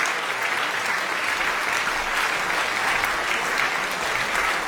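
Sustained, enthusiastic applause from a concert audience that has risen to its feet after César Franck's Piano Quintet, played by Portuguese pianist Luís Margulhais and the British Fibonacci Quartet, a dense, steady wash of clapping hands at an even loudness throughout, with no voices standing out.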